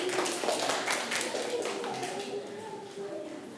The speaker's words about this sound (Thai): เก่งมากค่ะเดี๋ยวเชิญไปรับรางวัลได้เลยค่ะเด็กๆปรบมือให้เพื่อนด้วยลูก